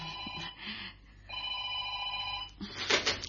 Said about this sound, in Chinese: 听电话啊。